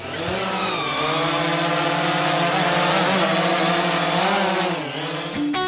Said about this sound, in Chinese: 真是个有意思的地方，那我请同学们召唤无人机去观察一下吧。